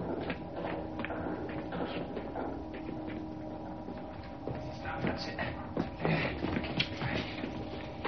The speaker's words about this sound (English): Hearing footsteps approaching, Evans hides.